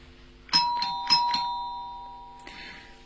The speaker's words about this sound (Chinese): 奇怪的是，我按了门铃，屋里却没有人